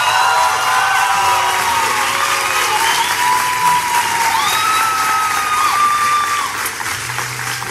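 A crowd applauds and cheers to welcome a singer for the next song, with steady dense clapping and high shouts and whistling cheers rising above it throughout; the roar stays loud and sustained before easing slightly at the end.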